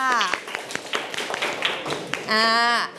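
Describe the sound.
A classroom of people claps for a couple of seconds in quick, uneven, sharp claps. A voice speaks just before the clapping, and another voice starts as it ends.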